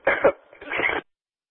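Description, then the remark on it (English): Two quick, harsh coughs, followed by a longer rough throat-clearing burst, then silence. “excuse me, I went to speak and all I could do was cough.”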